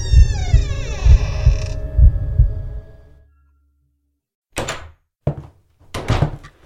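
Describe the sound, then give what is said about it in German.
A long, strained, loud creak of a door swinging open inward after an old iron handle is pressed, over dull, rhythmic low thumps, then a pause and three sharp wooden knocks and clunks. “Und mit einem lauten Knarren öffnete sich die Tür nach innen.”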